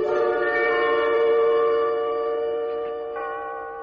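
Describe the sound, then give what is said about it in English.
A clock that is being worked on rings its chime in one long, sustained tone with bright, layered overtones, holding steady and then slowly fading over a few seconds, with no voices present. “I want to fool around with the works and see if I can get it going and figure out what goes with the chime.”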